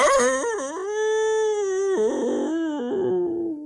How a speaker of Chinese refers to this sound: 但您别看伊伯泰里面那么静，他的四周却不安静。三个人就听到伊伯泰的四周是一声连着一声野狼的哀嚎，是响彻云霄啊。